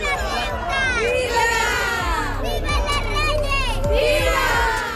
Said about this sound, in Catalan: A les portes, centenars de persones també els esperaven per a rebre'ls amb vítols i aplaudiments en un dia per al rècord.